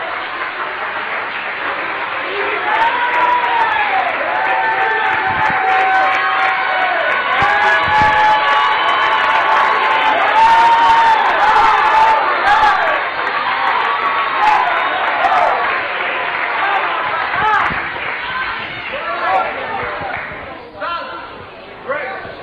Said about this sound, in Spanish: ¡Oh, que el aplauso sea para Cristo, porque la gloria y la honra es de Él!